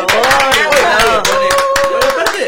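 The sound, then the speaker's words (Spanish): Audience applause: a dense run of sharp, rapid hand claps with voices calling out over it, loud and steady throughout. “Un aplauso.”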